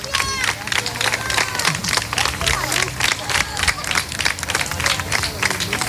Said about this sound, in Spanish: Bueno, por poner el punto final, ya se van, ¿eh? Mira, con aplausos otra vez. La gente está volcada, sí, sí.